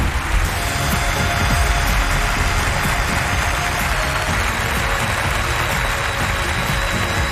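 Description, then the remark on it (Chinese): Steady, dense clapping from a large audience welcoming the hundred-member group present at a poetry show keeps up at an even, fairly loud level for several seconds, a continuous wash of many hands with no voices. “我们同时用热情的掌声欢迎现场的百人团。”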